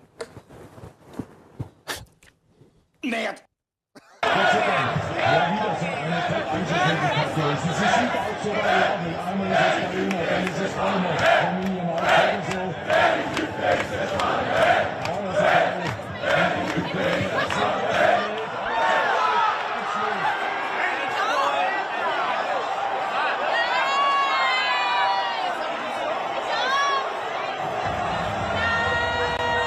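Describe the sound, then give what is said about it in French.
A large crowd of enthusiastic Austrian football fans in a fan zone cheers and shouts, a dense, sustained roar of many voices with whistles and chants rising over it after a few brief opening sounds. “Va devenir culte parce que les Autrichiens, tellement enthousiastes dans la fan zone”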